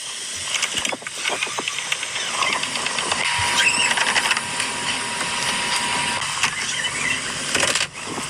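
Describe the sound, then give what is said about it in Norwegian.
Video audio is played back at fast-forward speed, giving a dense, continuous chatter of rapid mechanical clicks, whirs and rattles at steady loudness, with no clear voices. “Spoler litt som med rask hastighet.”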